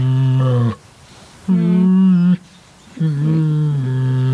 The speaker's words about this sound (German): Ja, das hört sich noch ganz schön müde an. Ja, das war ein Kragenbär und der summt und brummt so ganz gemütlich vor sich hin. Zu Hause ist er im Neunkircher Zoo